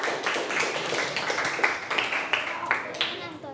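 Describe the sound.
A group of students claps together in a steady, dense patter of applause lasting a few seconds, moderately loud, with faint voices mixed underneath, as a teacher asks for applause for student group 4 coming forward.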